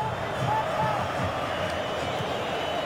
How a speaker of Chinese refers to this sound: 这个时候我们看每一次大脚的解围都会赢得球迷的这种掌声和呐喊啊！ 这是阿根廷球迷的呐喊， 对对，一定是阿根廷球迷，